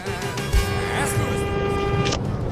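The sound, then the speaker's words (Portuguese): A car horn sounds one long, steady honk, a loud mid-pitched tone held for over a second and a half before cutting off, with low rumbling noise underneath. “lá vai buzina.”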